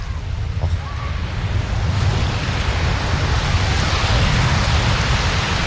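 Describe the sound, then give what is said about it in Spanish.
Steady roar of ocean surf washing onto a beach, a broad continuous rush of breaking waves that swells gradually louder, with no one speaking. “Yo os voy a dejar con ese sonido maravilloso para que disfrutéis.”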